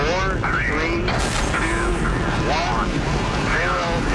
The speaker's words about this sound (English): We have a go for main engine start. We have main engine start.